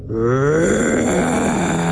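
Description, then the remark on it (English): A person imitates an elephant's roar: a loud, sustained, rumbling vocal groan with harsh overtones that starts abruptly and holds steady for about two seconds, with no talking. “I didn't even know that elephants could make this sound.”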